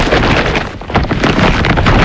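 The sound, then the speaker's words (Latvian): An IKEA shopping bag full of clearance-sale goods rustles and crinkles loudly, a continuous papery scrunching with a brief dip midway, with no voices. “Dzirdi? Tā skan IKEA iepirkuma maisa ar izpirkšanas precēm.”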